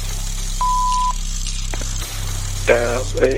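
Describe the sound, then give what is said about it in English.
A single steady voicemail beep lasts about half a second over a low, constant hum, followed by faint shuffling and brief snatches of a voice. “Please leave a message after the tone.”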